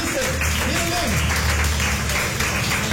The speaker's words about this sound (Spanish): Dale una ofrenda de palmas fuertes a nuestro Dios.